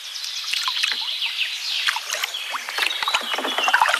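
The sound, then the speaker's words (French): Canoe paddles dip and pull through river water at Piquigny, one paddler on the right and one on the left, a steady run of splashes and drips with irregular strokes, with no voices over the watery churn. “Moi, je vais pagayer à droite, tu vas pagayer à gauche.”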